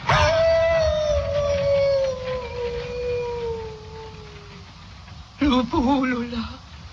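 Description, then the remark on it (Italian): A wolf howls in a long, sustained note that slowly falls and fades, then after a short pause a second, shorter howl rises and wavers before trailing off. “Lupo Ulula?”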